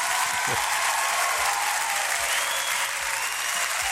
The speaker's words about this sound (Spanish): Sí, un aplauso para usted.